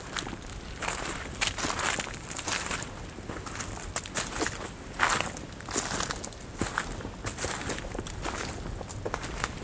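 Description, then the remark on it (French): Dead leaves crunch and crackle underfoot among tree trunks tens of metres tall, in a steady walking rhythm, each step a bright, crisp rustle over a soft continuous hiss, moderately loud with no voices. “Le dos crissement des feuilles mortes.”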